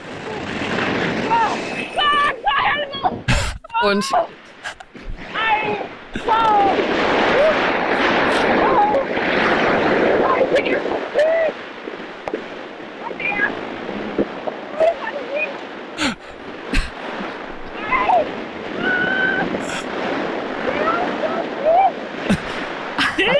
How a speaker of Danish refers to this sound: Altså, du flyver jo med 200 km i timen. Ja, det er rigtigt. Og det blæser lidt, og det var minus 10 grader. Ja. Så det er måske ikke den bedste lydoptagelse i verden.